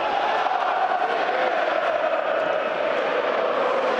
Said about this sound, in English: Ellen Road crowd finds its voice here. Really good attendance for this game. A really good opportunity for a lot of young fans to get a look at Ellen Road and to get possibly their first ever live look at Leeds United as well.